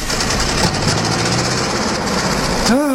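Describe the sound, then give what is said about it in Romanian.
A loud, steady engine rumble with a rough mechanical chug, like a heavy tractor pulling away, continuous throughout with no talking. “După zgomot s-ar părea că au plecat un tractor.”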